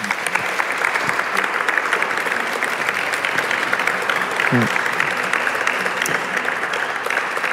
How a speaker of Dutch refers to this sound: Aan mijn publiek, geef hen een hartelijk applaus.